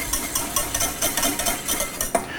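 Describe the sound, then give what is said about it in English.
Rice sizzles steadily in a hot pan as it warms up, a constant crackling hiss broken by regular scraping strokes as it's stirred, with no voices. “Hear it sizzling.”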